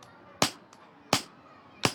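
A hammer strikes a metal letter punch three times in a steady rhythm, each blow a sharp, loud, bright crack, with a faint lighter tap after the first and no talking.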